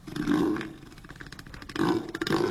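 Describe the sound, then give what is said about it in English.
A one-ton southern elephant seal called Neil the Seal, at Seven Mile Beach near Hobart, bellows twice, each a deep, loud, guttural belching roar, with a low rattling pulse between the two calls. No one speaks. “Yes, the one-ton southern elephant seal became an internet sensation during his latest stay at Seven Mile Beach near Hobart, thanks to his habit of flattening fences, chewing traffic cones, and generally causing harmless chaos.”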